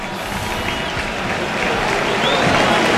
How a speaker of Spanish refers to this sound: Es que ahora la gente aplaude a Rafinha, autor de un hat-trick que lleva 9 goles en liga. Le sustituye Gabriel Jesús, le esperan.